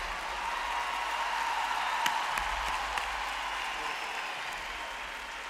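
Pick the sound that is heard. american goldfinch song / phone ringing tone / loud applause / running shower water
loud applause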